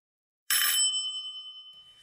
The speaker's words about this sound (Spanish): ¿Qué día hoy? ¡Timbre, Irma!